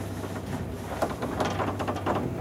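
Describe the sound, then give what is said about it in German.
Clattering, rattling mechanical noise with scattered knocks and scrapes over a steady low hum from a very old elevator's door and machinery as it works; the door has to be held; no one speaks. “Uwaga, Achtung, it's a very old elevator. Achtung, es ist ein sehr alter Aufzug. You have to keep this door to push them, to push them.”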